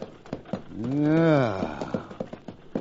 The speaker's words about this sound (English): Hey, look. There's a stagecoach coming. How about trailing your horse and getting a ride in that?